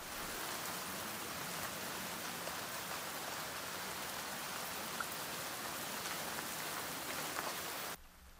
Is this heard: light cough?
no